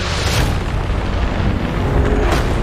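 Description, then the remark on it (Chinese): A loud, sustained rumble of thunder amid flashing lightning in a thunderstorm, with deep booming low end, swelling with sharper cracks near the start and again toward the end, no voices present. “电闪雷鸣让盾甲龙变得越发慌乱。”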